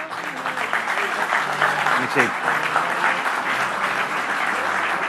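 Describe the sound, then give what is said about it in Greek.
Steady applause from an audience fills the whole stretch, a dense wash of clapping hands at a consistent level, with faint voices mixed in underneath, applauding Greek Deputy Minister Nikos Tachiaos. “Και θέλω ένα χειροκρότημα για τον Νίκο, παρακαλώ.”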